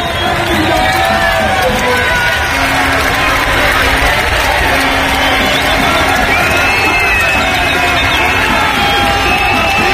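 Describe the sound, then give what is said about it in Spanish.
A loud, sustained crowd roar in Don Benito, Pedro Porro's hometown, celebrating his goal for the Spanish national team, as heard on radio SER, with overlapping shouts and cheers running continuously throughout, dense and energetic, with a few higher whoops rising above the din. “Así ha sonado en la SER el gol de Pedro Porro Eterno en su casa en Don Benito.”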